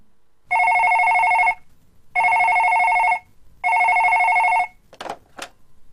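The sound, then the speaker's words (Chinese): A telephone rings three times in steady, evenly spaced electronic bursts, loud, followed by two quick clicks like the handset being picked up; in an audio drama adapted from a Liu Meng novel, the call is from a man for the character Nina. “妮娜，找你的，是个男生啊。 什么？我的电话 ？”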